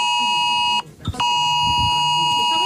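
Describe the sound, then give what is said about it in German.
A loud, shrill mobile phone emergency alert tone of the kind sounded across Germany on the nationwide warning day blares steadily, cutting out briefly near the start before resuming at full strength, harsh and buzzing. “Da sollen Handys Alarm schlagen, Warn-Apps anschlagen und vielerorts auch die Sirenen heulen.”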